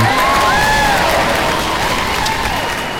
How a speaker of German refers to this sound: Heute, 12. Mai, ist internationaler Tag der Pflegenden und da ist an dieser Stelle jetzt zuerst mal ein Applaus fällig.